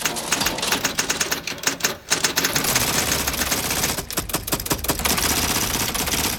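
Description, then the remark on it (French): A dense, continuous clatter of many typewriters in a collection of hundreds typing at once by themselves, their keys moving on their own, rapid overlapping key strikes with no pause except a brief dip near two seconds. No one speaks. “Mais regarde, elles bougent toutes seules, les lettres. On dirait qu'il y a des doigts invisibles qui appuient dessus.”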